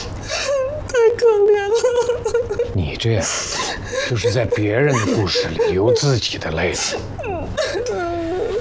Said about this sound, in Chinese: 这怎么还哭上了？啊！ 你别打扰我。